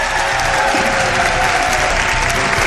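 Steady, dense applause from an audience, many hands clapping at once in a continuous, fairly loud wash of noise that holds evenly for the whole stretch without fading.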